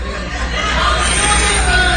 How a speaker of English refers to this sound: We're going to have a contest as to who can yell the loudest.